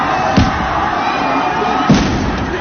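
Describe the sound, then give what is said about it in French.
Two sharp, loud pops from tear gas grenades being fired by police into a crowd of fleeing students, about a second and a half apart, cutting through the steady roar of the agitated crowd. “Très peu de temps après, une sommation peu audible au vu du bruit sur place, les forces de l'ordre jettent plusieurs bombes lacrymogènes au milieu de la foule d'élèves qui fuient en courant.”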